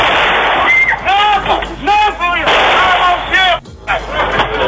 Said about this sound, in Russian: Стрельбой и избиением посетителей празднование завершают бойцы бригады «Медведи».